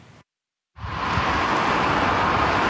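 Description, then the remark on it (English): A steady, dense roar of road traffic heading into a long holiday weekend rushes past, loud and continuous after a brief moment of silence, with no voices heard. “There's no shortage of traffic heading into the long holiday weekend.”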